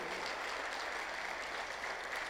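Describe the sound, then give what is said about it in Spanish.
An audience claps steadily in a round of applause for David Ramos, a dense wash of many hands with an even level from start to finish and no voices over it. “Un voto de aplauso para David Ramos, a ver.”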